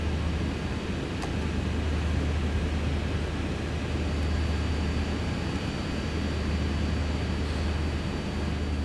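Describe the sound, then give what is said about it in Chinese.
A steady, unbroken airplane cabin engine drone as the plane is about to take off, a deep low rumble under a broad even hiss, holding the same level throughout with no voices. “乘客朋友们，我们的飞机很快就要起飞了，请大家再次确认自己的安全带已经系好。”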